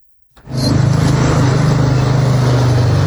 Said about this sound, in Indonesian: Di setiap sudut jalanan Kota Kendari, deru mesin dan laju roda seolah tak pernah berhenti.